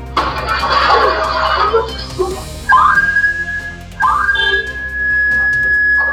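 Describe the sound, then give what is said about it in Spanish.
A house security alarm in San Pedro de la Paz, set off by intruders breaking into the home, rings as a shrill, steady high-pitched tone that sounds twice in long sustained bursts, after an opening stretch of busy, muffled background noise. “Este el sonido que evitó que los delincuentes revisaran la casa completamente. Una alarma de la vivienda que era víctima de al menos tres sujetos encapuchados que treparon la reja, quebraron la ventana e ingresaron con total descaro.”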